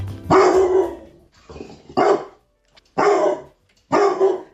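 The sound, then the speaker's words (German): A dog named Grisou, from Reiskirchen, barks loudly, four or five sharp barks spaced about a second apart, with a lower, rougher sound between them and no talking. “Und ordentlich bellen kann Grisou auch.”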